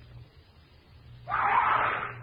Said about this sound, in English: I head for the scream.